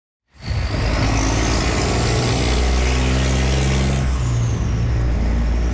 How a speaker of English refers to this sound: That's what it sounds like now on the Huron Church corridor. Trucks on their way to and from the 97-year-old Ambassador Bridge.